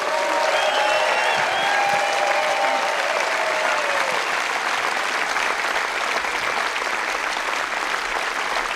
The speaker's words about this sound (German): Einen riesen Applaus für die ganzen Techniker und alle Bediensteten hier.